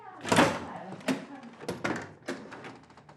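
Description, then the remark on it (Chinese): A door being opened after a knock, to let visitors in: a latch clunk and a rattling swing, followed by a few softer knocks and bumps as it settles, with faint voices in the background. “啊，我来开门啊。”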